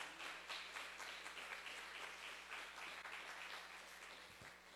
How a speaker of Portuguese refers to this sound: Dê um aplauso ao Senhor pela sua vida. Amém. Você merece.